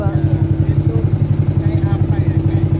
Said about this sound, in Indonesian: Menggunakan joloro atau perahu motor menyusuri sungai di sepanjang kawasan kars Ramang-Ramang menjadi salah satu daya tarik objek wisata di sini.